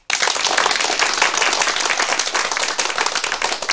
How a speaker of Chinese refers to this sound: 你们热烈鼓掌，这个掌是可以鼓的。